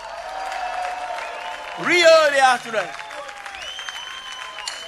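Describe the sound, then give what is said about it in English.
A music show audience gives itself a round of applause, a steady, dense wash of clapping, while a voice speaks and briefly rises into a loud, sliding shout in the middle. “Give yourself a nice round of applause, y'all.”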